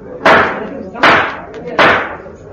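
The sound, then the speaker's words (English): Three sharp gavel raps at a conference, evenly spaced about a second apart, each a loud wooden crack that rings out briefly. A faint murmur of voices runs underneath. “They've even got a gavel.”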